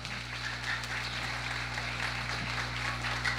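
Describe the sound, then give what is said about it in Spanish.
An audience claps together for the Lord at an evening gathering, in a steady, continuous wash of hand claps, fairly soft and even throughout, with a low electrical hum running underneath and no voices. “Aplaude al Señor en esta noche.”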